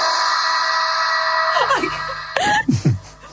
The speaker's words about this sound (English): Mid-scream. Let me try the scream again. I feel like that was rubbish.